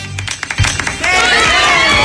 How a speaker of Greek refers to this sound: Δεν θέλω χειροκροτήματα.